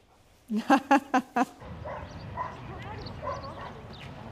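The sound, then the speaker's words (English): A mine detection dog in training lets out a quick burst of five sharp barks in a steady rhythm to indicate a target, an explosive such as TNT placed in a steel dish, then falls quiet, leaving a low murmur of voices and outdoor background noise. “So this is the way how the dog should indicate target.”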